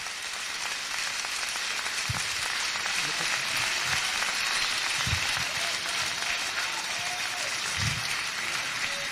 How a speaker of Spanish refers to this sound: Denle más fuerte esas palmas al Señor.